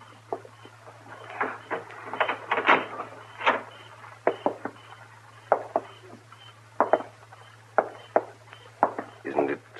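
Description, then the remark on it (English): A door is worked open with a flurry of clicks, knocks and latch rattles coming in uneven bursts, fairly crisp, over a steady low electrical hum. “Open the door.”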